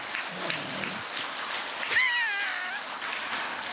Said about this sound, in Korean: 박수 따가 한번 쳐주지 그래.